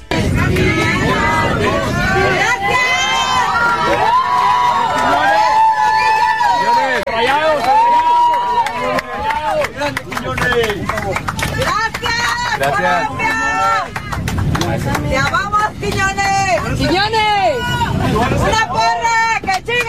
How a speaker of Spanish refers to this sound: un momento único se vivió en un vuelo comercial, normal, cuando la gente se dio cuenta de que alguien especial volaba ahí. Julián Quiñones iba a bordo. Y chequen nada más la ovación que se llevó por parte de los pasajeros mexicanos.